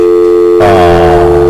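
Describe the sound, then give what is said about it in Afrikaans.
A telephone ringing during the Eden FM afternoon drive radio show: a loud, steady electronic tone that turns brighter and fuller just before halfway and holds to the end, with no one talking. “My telefoon lei, kom ek luister, wie is binnenkant foon?”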